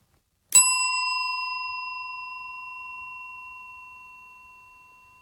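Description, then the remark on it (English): A single clear strike of a handheld bell, its bright metallic tone ringing out and slowly fading over several seconds with a long, sustained decay and no talking. “Lauren's got a bell next to her.”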